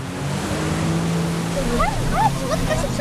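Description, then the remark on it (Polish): A motorboat engine drones steadily over rushing water and wind during a water rescue exercise, a continuous low hum with faint higher chirping sounds briefly rising above it near the end. “będziemy robić właśnie takie desanty, czyli wyskoki z motorówki do tych poszkodowanych.”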